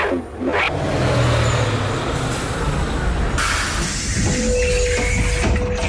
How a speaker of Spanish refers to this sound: Ese es el autobús que me lleva al cole. Me tengo que ir.